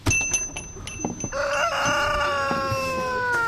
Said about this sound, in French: On est carrément entouré par une dizaine d'énormes poules. Maintenant qu'ils viennent vers nous, elles n'ont pas peur en tout cas. Ah non, elles sont très sociables, hein, très sociables.